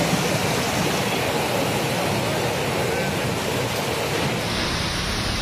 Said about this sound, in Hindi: ये तस्वीर कोलकाता से आई है, जहां दिन में ही अंधेरा छा गया, जोरदार हवाएं चलने लगी और फिर बिजली कड़कने के साथ झमाझम बारिश देखने को मिली।